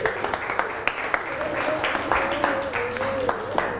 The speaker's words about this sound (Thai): ปรบมือให้เพื่อนลูก